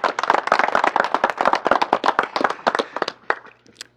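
A crowd claps loudly in dense, overlapping bursts of sharp hand claps that gradually thin out and fade near the end, with no voices, as attendees of an official seed-capital handover in the Calacala annex of Tutupaca applaud to welcome a speaker.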